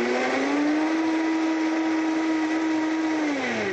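A blender whirs steadily at a high, constant pitch as it blends a chocolate drink, its motor drone dipping slightly toward the end as it churns the thick drink. No voices are heard.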